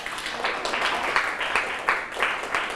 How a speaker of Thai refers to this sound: เยี่ยมเลยครับปรบมือให้เพื่อนครับ